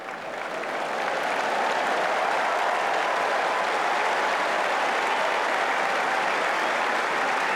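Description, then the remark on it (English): A large crowd on Wimbledon's centre court applauds steadily as the two players, including Marta Kostyuk, walk out for the first match of the day. It is a dense wash of clapping that swells within the first second and holds loud and even to the end, with no voices over it. “They've got it, and the applause will be heard now.”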